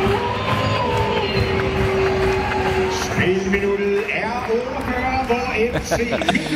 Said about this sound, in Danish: Ulvehyl og klapsalver, må man sige. Det var Sofus Johannesen, der stod for det ene mål, tog den anden, da de vandt 2-0 FC Midtjylland i den her playoff-runde for at komme ind i ligafasen i Conference League